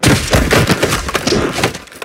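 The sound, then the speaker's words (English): Football pads crunch together in a tackle: a loud, dense flurry of cracking, clattering thuds that rattle on irregularly for about two seconds before easing off, with no talking. “Hear those pads crunching.”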